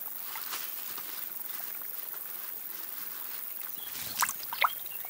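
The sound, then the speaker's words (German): A small brook fed by a spring among rocks that has not dried up despite drought trickles steadily with a soft, even rush of water, broken near the end by a couple of brighter, sharper splashes. No one speaks. “Der kleine Bach wird zur lebensrettenden Oase.”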